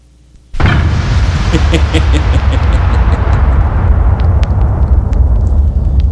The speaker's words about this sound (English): Give him an explosion, Doc.